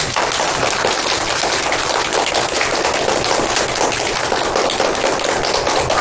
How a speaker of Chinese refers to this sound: 同学们，通过今天的学习，你们成为了一名非常合格的小侦探，把掌声送给自己吧。